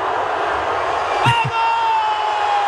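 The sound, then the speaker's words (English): A large crowd of fans outside Portugal's team hotel in Toronto at night roars and cheers as Cristiano Ronaldo comes out and waves to them, in a loud, unbroken wash of noise, with a sharp shout mid-way and a thin, steady whistle tone carrying on above the din. “But then the scene outside of Portugal's hotel in Toronto last night. Listen to this.”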